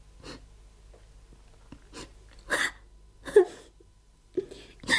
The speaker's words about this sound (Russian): Почему же вы плачете